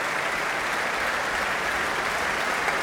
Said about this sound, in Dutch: En hier een mega groot applaus. Inmiddels een staande ovatie voor James Ennis.